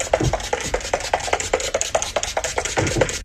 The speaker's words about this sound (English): It's setting spray. I guarantee you it's setting spray to set her makeup in.